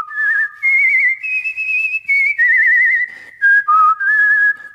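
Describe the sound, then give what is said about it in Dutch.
Someone whistles an imitation of a Chinese nightingale's song: bright, warbling phrases with quick trills and gliding pitch, rising and falling in several bursts separated by short pauses, with no talking. “Hij vloog door de grote zaal en zong het mooiste lied.”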